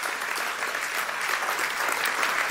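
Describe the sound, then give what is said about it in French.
A crowd applauds steadily, a dense wash of many hands clapping at once, moderately loud and continuous throughout with no voices standing out, as those who believe in the blessing are invited to applaud. “Vous pouvez applaudir ceux qui croient en cette bénédiction.”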